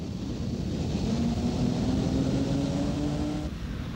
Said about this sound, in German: Schauen wir uns jetzt einmal einen Beschleunigungsvergleich zwischen einem Flugzeug beim Start und einem PKW an.